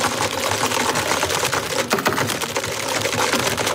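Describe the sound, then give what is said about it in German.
Rapid, forceful clacking of computer keyboards in an office scene from a TV series, a dense rhythmic stream of keystrokes continuing throughout, loud, with no voices. “Wer tippt heftiger in die Tastatur?”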